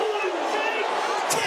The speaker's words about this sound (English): Listen to the crowd.